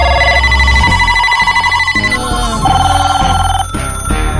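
A telephone rings loudly and continuously with an electronic, melodic ringtone, its bright tones shifting pitch in a repeating pattern, with no one speaking.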